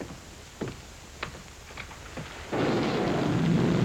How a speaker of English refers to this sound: The rain that's falling down, sir.